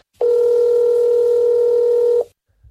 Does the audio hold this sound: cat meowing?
no